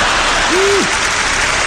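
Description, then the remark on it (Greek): An audience claps in a steady, dense burst of applause lasting under two seconds, with a brief low whistling tone rising out of the noise partway through. “Μου μένουν ακόμα 2 λεπτά περίπου από τον προκαθορισμένο χρόνο του προγράμματός μου και συνήθως τον χρόνο αυτό τον αφήνω στο κοινό για χειροκρότημα.”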